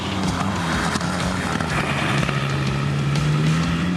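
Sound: car engine accelerating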